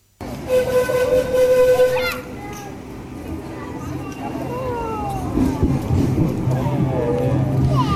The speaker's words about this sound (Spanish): Es el sonido del tren de Sóller.